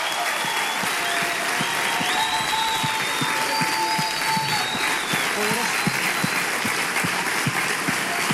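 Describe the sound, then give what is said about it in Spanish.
Loud, sustained applause from a large church audience giving a strong round of applause to the Lord in thanks, dense clapping continuing steadily throughout with scattered voices and cheers mixed in. “Vamos a darle ese aplauso fuerte al Señor y dile, Señor, gracias.”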